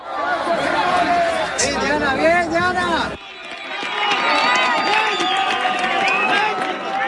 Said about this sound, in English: Ruth, when you hear that cheering, that joy, does that take you back to those moments when you managed to pull those 7 out?